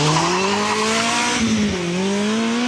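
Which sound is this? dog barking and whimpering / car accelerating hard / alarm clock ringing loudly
car accelerating hard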